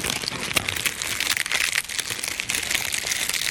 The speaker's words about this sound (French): Enregistrement de feuilles d'arbres mortes.